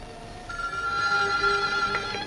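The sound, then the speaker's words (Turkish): A telephone rings steadily, its sustained electronic tone holding for about two seconds at moderate volume against a faint background hum, with no voices present. “Şu telefonlar da insanın rahatını bozacak zamanı iyi seçerler.”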